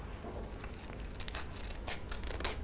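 Scissors cut through colored paper in a run of crisp, close snips with a slightly uneven rhythm, accompanied by soft papery rustling and no voices.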